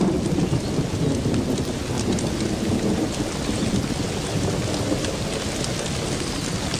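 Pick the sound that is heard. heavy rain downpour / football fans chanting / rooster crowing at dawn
heavy rain downpour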